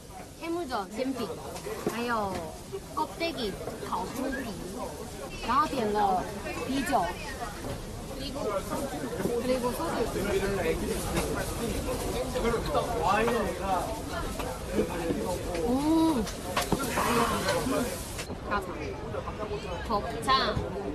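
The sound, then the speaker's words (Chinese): Steady hubbub of an open-air street food restaurant without a roof, where friends are eating together after ordering stir-fried intestines, pancakes, grilled pig's trotters, sausages and beer: many overlapping voices chattering at once, with continuous babble and occasional clinks and clatter beneath the crowd noise. “有啊，我有去跟我朋友一起吃东西的声音，我们来听一听。”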